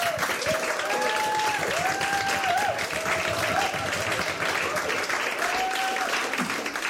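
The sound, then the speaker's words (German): A crowd applauds steadily, a dense wash of clapping at an even level throughout, with a few faint whistles or cheers rising above it. “Aber jetzt erstmal Beifall für ….”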